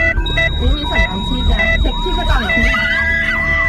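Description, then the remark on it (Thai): An ambulance siren wails loudly in quick repeating up-and-down sweeps, about one per second, layered over steady high electronic tones and a low rumbling background, as the ambulance is 500 metres from the hospital. “อีก500เมตรถึงโรงพยาบาล ให้รอช้าไม่ได้สักวินาทีเดียว”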